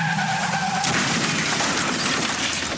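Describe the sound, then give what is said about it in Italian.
Car tires screech in a sustained, high-pitched squeal for under a second, then the loud crash of a fatal car accident bursts in with harsh noise and debris lingering to the end. No voices. “Continua dritto verso un incidente mortale.”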